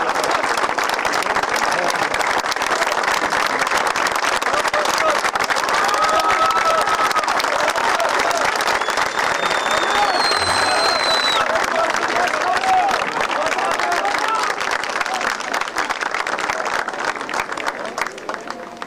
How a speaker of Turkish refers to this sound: ve bir cezaevi daha şu anda ayrılıyor Mersin'den ve iddia şu ki bu aracın içerisinde Büyükşehir Belediye Başkanı Sayın Vahap Seçer, öyle bir söylenti şu anda var ve bir alkış tufanı koptu buradan.